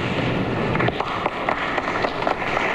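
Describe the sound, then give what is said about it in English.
A brief, thin ripple of applause for Mr. Haig: light, dense patter of clapping at a fairly steady level for a few seconds, with no voices over it. “But Mr. Haig drew only a ripple of applause.”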